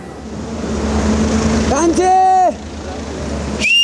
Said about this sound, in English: He whistles across the Trishuli, calling out to his family on the other side. And then he waves. Here in Devighat, this is how people stay connected.